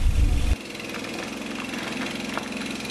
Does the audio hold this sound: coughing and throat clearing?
no